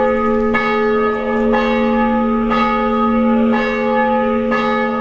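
The bell of the church dedicated to the Nativity of the Most Holy Theotokos in Vašarheđ, a small town 20 km north of Szeged, tolls steadily on the Sunday of its patron feast, calling the faithful: about five strikes roughly a second apart, each with a sustained metallic hum between strokes. No one speaks.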